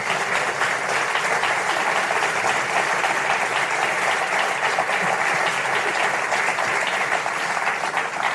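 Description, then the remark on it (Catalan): Sustained audience applause after a band finishes its last song at a live performance: a dense, steady patter of many hands clapping at an even loudness for about eight seconds, with no voices standing out. “Un aplaudiment, sí, sí.”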